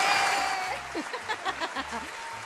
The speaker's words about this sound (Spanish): Aplausos, aplausos, échale. Pero los aplausos.